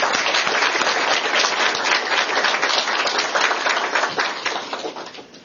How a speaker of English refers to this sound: Well, I really appreciate everybody's attention on this, and I thanks for the expertise of our experts. If you could give them a round of applause, that'd be great.